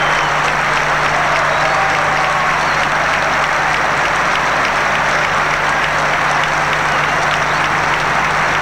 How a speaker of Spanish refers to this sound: hinchas celestes que han partido al plano mayor durante esta semana y que se les rinde tributo acá en el Estadio El Teniente antes de comenzar este partido con este lindo minuto de aplausos en nuestra cancha.